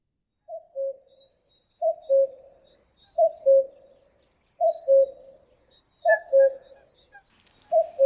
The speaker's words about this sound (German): Auch lässt die Anzahl der Kuckucksrufe auf die Zahl der Lebensjahre schließen, die man noch so vor sich hat. Na, dann zählen wir doch mal mit.